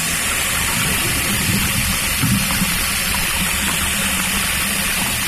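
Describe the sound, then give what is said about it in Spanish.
Water runs from a bathroom tap in a steady, rushing stream, fairly loud, with a faint low hum underneath and no voices, as a woman splashes some on the back of her neck at night. “Fue al baño y se echó un poco de agua en la nuca.”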